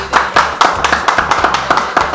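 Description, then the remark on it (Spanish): A crowd in a church applauds loudly to welcome a guest speaker, with dense, overlapping hand claps forming a steady rhythmic patter throughout, sharp individual claps standing out over the continuous roar. “Con nosotros nuestro hermano, un fuerte aplauso aquí a todos ustedes.”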